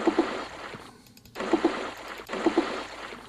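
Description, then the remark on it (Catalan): Ice water sloshes heavily in three loud, rushing surges separated by short lulls, a large volume of liquid splashing forward and back as it rushes forward from the rear box of a vehicle braking sharply at a roundabout. No voices are heard. “Se sent un xof fort de líquid desplaçant-se cap a la”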